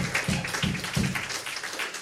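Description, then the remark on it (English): Steady applause from a concert audience for the venue hosts, a dense wash of many hands clapping at moderate volume, with a few deeper murmurs underneath. “Let's have a round of applause for them for always renting us, make us feel welcome.”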